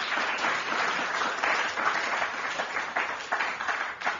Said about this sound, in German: Applaus bitte für die Stadt Wien auch.